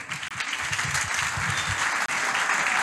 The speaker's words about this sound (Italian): Facciamo un applauso.